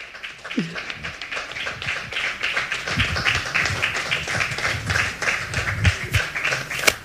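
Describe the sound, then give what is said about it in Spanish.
Steady audience applause, a dense crackle of many hands clapping at an even loudness for several seconds, with a few sharper individual claps standing out and faint voices murmuring underneath. “Sí, hombre, aplaudan, que nos gusta.”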